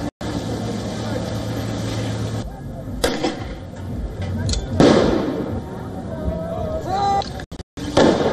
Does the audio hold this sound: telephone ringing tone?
no